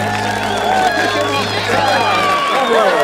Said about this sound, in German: Was für ein Applaus.